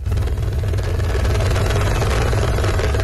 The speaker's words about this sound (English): A rescue chopper hovers above the valleys of Nepal's northern Rasuwa district. There is no safe place to land after floodwaters washed away entire villages.